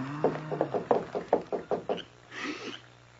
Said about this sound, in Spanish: Ay, llaman a la puerta. ¿Pero quién puede ser?